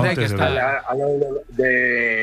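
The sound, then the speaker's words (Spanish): A neighbour's cow in the hills of Lugo, Spain, in cool weather, moos in a long, wavering call, pauses briefly, then lets out a second drawn-out moo, loud and clear with no talking over it. “De vecinos tengo vacas y...”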